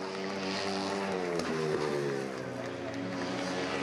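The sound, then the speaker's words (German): A speedway racing motorcycle without brakes roars steadily throughout, racing five laps of a 650-metre track in about 1.5 minutes at an average of over 100 km/h, a buzzing harmonic drone that shifts pitch slightly midway as the throttle changes, loud and continuous without pause. “Das entspricht einer durchschnittlichen Geschwindigkeit von über 100 Kilometer pro Stunde auf einer Rennmaschine ohne Bremsen.”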